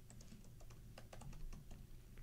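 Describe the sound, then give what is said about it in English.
Rapid, uneven keystrokes clatter on a computer keyboard, a dense run of clicks over a low background hum, with no voices. “So you heard a lot of typing.”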